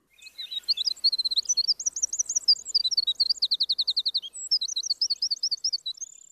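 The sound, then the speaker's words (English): Cordillera Azul antbird (Myrmoderus eowilsoni) calling alone, a rapid series of bright, high whistled notes in quick repeated phrases, clear with no talking. “Wilson, commenting on the Cordillera Azul ant bird, scientific name, Myrmoderus E.O. Wilsoni.”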